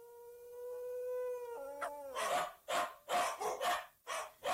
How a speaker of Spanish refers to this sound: Y empiezan los malditos perros. ¡Callan sus condenados!